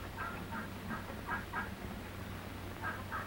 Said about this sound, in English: The gander hears something. He hears a turkey gobbler who flew over the fence of the turkey yard. Only a small flock of turkey cocks and hens are kept on this farm.